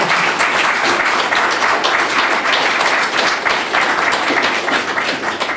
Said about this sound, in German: Aber an der Stelle erstmal Dankeschön, dass du heute auch hier bist und deine Geschichte erzählt hast auf eine furchtbar sympathische Weise. Hat mir viel Spaß gemacht. Applaus.